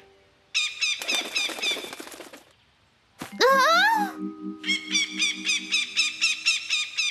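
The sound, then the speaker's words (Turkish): Loud, harsh squawks and shrill chattering calls from parrots come in repeated bursts, with a rapid rhythmic series of raspy cries toward the end. “Papağanlar.”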